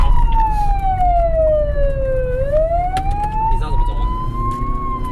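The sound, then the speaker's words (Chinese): A police car siren wails in a slow, sweeping tone that falls and then rises again, loud over a steady rumble of road and engine noise, as police rush a patient with severe abdominal pain to hospital in Guiren in the early morning. “警车、民警笛争分夺秒送腹痛的患者前往医院。”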